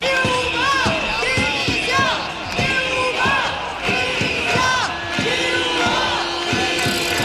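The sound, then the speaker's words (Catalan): A large protest march crowd chants slogans such as 'less police, more education' in unison outdoors along Via Laietana toward the Palau de la Generalitat in Plaça Sant Jaume, many voices shouting in a steady rhythmic cadence with sharp accented beats, loud and continuous throughout. “Al llarg del recorregut s'hi han sentit crits com menys policia, més educació, lluitant, també estem educant, i també això.”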